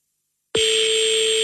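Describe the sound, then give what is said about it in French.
A telephone ringing tone on a call to a number in the 20th arrondissement of Paris, France, left unanswered, cuts in abruptly after a short silence: a steady, loud electronic hum with a buzzy edge that holds unbroken to the end, with no voices. “Ah, je pense qu'elle va laisser sonner la coquine.”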